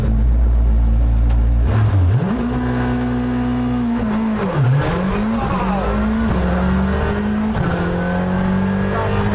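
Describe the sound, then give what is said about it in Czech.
A Škoda Fabia RS Rally2 rally car engine roars loud, its pitch climbing and dropping repeatedly as a former world champion drives hard through gear changes with a passenger aboard, with no voices over the continuous drone. “Tady bude prostor něco si říci, protože moje komentáře pod zevem motoru Fabie RS Rally 2 se zlužily na takové ty jako zatáčka, není to úzký, pozor, jsou tam vrata, a pak už jenom většinou wow, oh, ty kráso, taky krávo a tak dále.”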